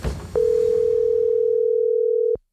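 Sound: telephone dial tone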